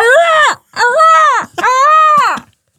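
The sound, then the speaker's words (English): A person's voice imitates a seagull call on Nation Radio Yorkshire, with three loud, drawn-out wailing cries, each rising and then falling in pitch, separated by short pauses. “wanted the sound effect of a seagull or something over the end of yeah.”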